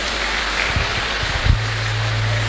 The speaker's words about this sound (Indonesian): Boleh tepuk tangan buat kita semuanya.